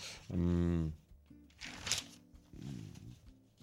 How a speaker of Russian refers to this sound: Так, дальше. Листаю дальше.